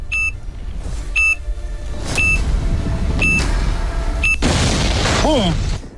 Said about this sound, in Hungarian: Oké, akkor a pittyegéstől kezdve a te megérzésedre kell hagyatkoznod, jó, hogy mikor fogunk robbantani, és ha te is ugyanakkor mondod, hogy BOOM, akkor nyertél.